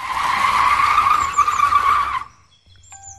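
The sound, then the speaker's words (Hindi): A safari jeep on a rough jungle track brakes hard with a loud, gritty tire skid lasting about two seconds, then stops abruptly, leaving near-silence with faint bird calls in the background. “मैं यही तालमेल बिठाने की कोशिश कर ही रहा था कि ओहे जी ने जीप रोक दी।”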